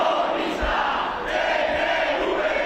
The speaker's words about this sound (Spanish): Gritos y proclamas contra el gobierno vasco. Y contra los ertzainas, a los que han acusado de ser cómplices del sionismo.